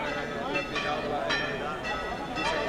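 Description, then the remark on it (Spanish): Church bells peal continuously, with strikes landing about every half second and their ringing tones overlapping into a dense, sustained wash. The sound is steady and moderately loud, with no pauses. “Y siguen redoblando las campanas.”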